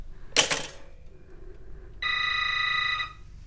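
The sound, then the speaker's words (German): A telephone rings once with a bright, steady, buzzy tone lasting about a second, after a brief clattering noise. No one speaks. “Na, dann lass es klingeln.”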